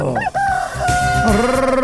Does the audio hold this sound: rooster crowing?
yes